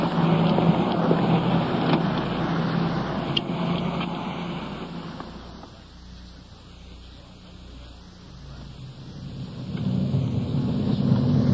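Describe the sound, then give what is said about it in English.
A police car drives along with a steady engine rumble and broad road noise, carrying officers to pick up a suspect in another city some 30 miles away. The sound eases slightly midway, then swells again toward the end. No one speaks. “So, let's get back to our car and get underway.”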